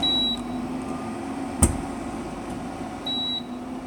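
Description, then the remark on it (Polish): An induction stove gives two short, high electronic beeps about three seconds apart over a steady fan hum, with a single sharp click in between; it beeps because it detects no pot on it and will not heat. “Ale kuchenka przez cały czas piszczy, ponieważ nie widzi garnka na sobie i nie będzie grzać.”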